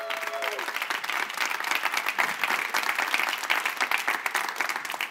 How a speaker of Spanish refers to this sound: Creo que tú le puedes dar un mejor aplauso a Dios.